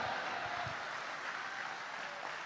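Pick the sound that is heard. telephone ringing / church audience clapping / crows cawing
church audience clapping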